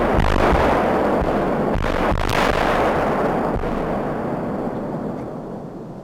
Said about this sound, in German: Doch zunächst ist weit über die Mellentiner Heide hinaus jenes durchdringende Signal zu hören, das eine baldige, kontrollierte Bombendetonation ankündigt. 3, 2, 1, Zündung! Erst zeitversetzt kommt das laute Knallen.